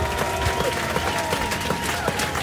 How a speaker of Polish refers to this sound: No, no, zasłużone brawa.